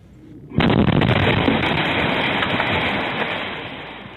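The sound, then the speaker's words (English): After a brief quiet moment, a sudden, powerful blast erupts as a natural gas explosion levels a house and sets it on fire, followed by a loud, sustained roaring rumble that slowly fades over several seconds. No voices are heard. “This natural gas explosion just leveled this home, set it on fire, injured two people.”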